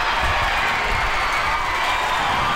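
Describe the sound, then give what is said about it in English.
A sold-out crowd of more than 3,000 fans at Hillsboro Ballpark cheers on the Portland Cascade at the inaugural Athletes Unlimited Softball game against the Oklahoma City Spark, a steady, loud roar of many voices, a dense wash of shouting and excited noise that holds without pause throughout. “A sold-out crowd of more than 3,000 fans cheered on the Portland Cascade as the team defeated the Oklahoma City Spark 3-0.”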